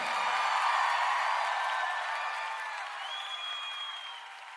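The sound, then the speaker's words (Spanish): A crowd of worshippers claps steadily in praise of the Lord, with sustained cheering voices and a rising whoop mixed in. The applause starts strong and slowly fades over a few seconds. “Aplauda a su Señor.”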